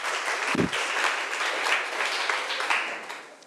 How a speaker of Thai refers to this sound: ถ้าพร้อมแล้วนักเรียนปลายทางนักเรียนต้นทางขอปรบมือเป็นกำลังใจให้กับทุกกลุ่มค่ะ